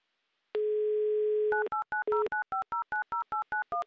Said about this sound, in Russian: Набран номер телефона Радика. Звоним в Санкт-Петербург. Гудки, кажется, должны быть вот.